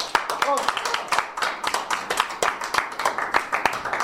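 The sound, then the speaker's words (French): A group of people applaud themselves at the end of a dubbing workshop at the Hostal del Tel, clapping in a dense, uneven burst of sharp slaps that keeps going at a steady level, with a brief voice showing through early on. “Donc, on s'applaudit.”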